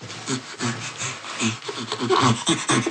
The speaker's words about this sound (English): And bonobos or chimpanzees next to that produce laugh sounds that are more complex in their temporal patterns that can be quickly produced. Often, particularly chimpanzees are producing panting laughter.